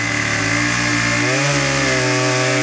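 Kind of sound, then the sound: tool, chainsaw running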